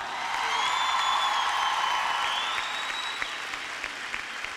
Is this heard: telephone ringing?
no